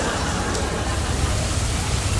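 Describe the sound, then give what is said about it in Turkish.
Heavy rain pours down steadily, a dense, continuous hiss with a low rumbling undertone and no pauses, fairly loud throughout. “Ama nasıl yağıyor? Bak. Şırıl şırıl. Mükemmel. Böyle yağıyor.”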